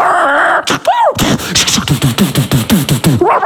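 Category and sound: animal, dog barking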